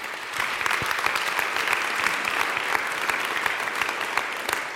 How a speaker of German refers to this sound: Großen Applaus an dieser Stelle.